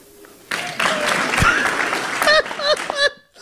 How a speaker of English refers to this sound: Actual applause!